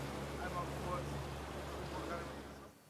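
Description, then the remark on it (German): A motorboat engine drones steadily, its low hum layered with a broad rush of water and wind, holding constant before easing off at the very end. “Also darauf würde ich noch mal ein Auge drauf haben und meine Truppe gleich informieren, dass sie noch mal vielleicht jetzt aber mit dem Boot dahin fahren.”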